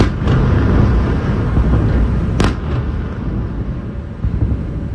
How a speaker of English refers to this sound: Sirens sounded just before midnight and were followed quickly by a number of explosions close to Kyiv.